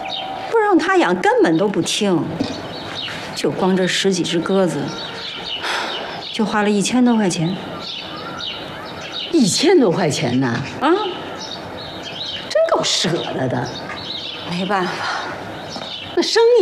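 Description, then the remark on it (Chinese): A flock of a dozen-odd pigeons kept by a neighbor family's son, Liangzi, makes busy, overlapping calls. The sound rises and falls in bursts over steady background noise, with some indistinct vocal sounds mixed in. “这谁家养了一群鸽子呀？”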